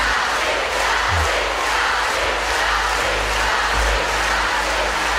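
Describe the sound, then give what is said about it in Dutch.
A crowd cheers and claps after a reunion concert in Antwerp, Belgium, a dense, steady wash of applause and voices that holds at an even level for the whole stretch without any single voice standing out. “Het was wel leuk geweest voor ze als het publiek wat enthousiaster was, vind je niet?”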